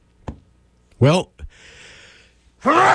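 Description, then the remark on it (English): A sudden sneeze and a short burp come as loud, abrupt vocal bursts, separated by a soft steady hiss, with another loud voiced burst at the end. “I sneezed. I burped.”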